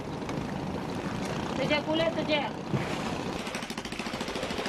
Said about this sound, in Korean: 날렵한 몸놀림으로 배에 오릅니다. 그의 배는 자그마한 모터배.